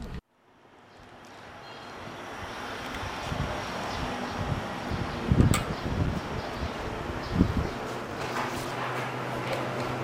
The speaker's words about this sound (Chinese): 对，打印机故障，弄一弄， 咱们先把机器关了吧。